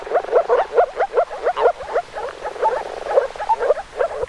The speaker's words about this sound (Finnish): Ja niin kuin totesin tuossa aikaisemmin, nyt on vuorossa viikon luontoäänen esittely. Viikon luontoääni tällä viikolla on viitasammakko